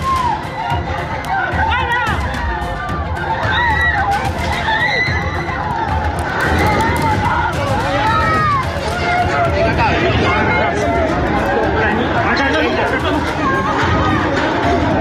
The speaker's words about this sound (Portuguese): Este foi o cenário que se viveu logo depois, dezenas de pessoas a correrem nas ruas na sequência dos dois abalos de grande magnitude, superior a 7.